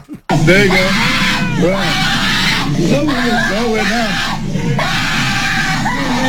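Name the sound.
child screaming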